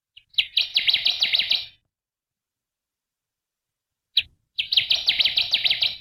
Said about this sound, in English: and we're talking about birds that are migrating south right now. And another bird that we only see here in the fall is the Connecticut warbler.